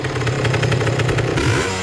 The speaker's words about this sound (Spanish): Ahí prendió su moto. Buscó, Alan buscó un efecto de la moto más vieja.